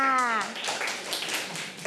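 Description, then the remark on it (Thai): A short burst of several children clapping their hands for themselves, a dense, scattered patter of claps lasting under two seconds, following a brief voice at the start. “เด็กๆปรบมือให้ตัวเองค่ะ”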